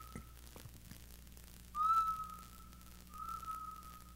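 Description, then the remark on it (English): Someone whistles a sustained, steady tone in two long drawn-out notes, the first rising slightly at its onset, heard fairly clearly over a low background hum with a few faint clicks. “Whistling in the background here”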